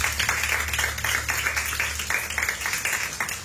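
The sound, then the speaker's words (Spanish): A church audience claps loudly and steadily as an offering of praise to God during a sermon, a dense wash of overlapping hand claps with a low hum underneath and no talking. “Dale una ofrenda de palmas fuertes a nuestro Dios.”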